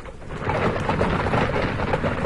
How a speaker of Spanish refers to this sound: ¿Qué oigo? Cascos de caballo. Deben ser los centauros, seres mitad caballo y mitad hombre.